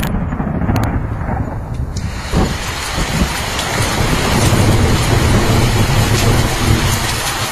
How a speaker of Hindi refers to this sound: नाटक की शुरुआत ही आषाढ़ का पहला दिन और मूसलाधार वर्षा के साथ होती है।